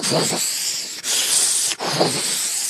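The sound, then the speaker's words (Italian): A voice imitates sea waves washing over sand with three breathy, hissing rushes in a row. The middle rush is the brightest and steadiest, and each one flows straight into the next. “E già questo è un suono, però senti le onde del mare che se vanno sulla sabbia fanno.”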